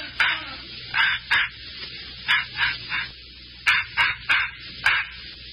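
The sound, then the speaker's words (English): A puppy named Scuttlebutt yaps in quick bursts of two or three, about ten short, high barks in all, clear, with only faint background noise between them. “don't that dog ever go to sleep?”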